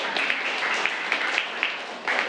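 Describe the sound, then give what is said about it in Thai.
Steady applause from a class of students for a classmate's answer in a painting quiz, a dense patter of many hands clapping at an even level for a couple of seconds, with faint voices mixed in. “ขอเสียงปรบมือให้เพื่อนก่อนครับ”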